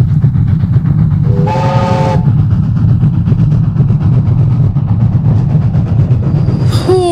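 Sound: train arriving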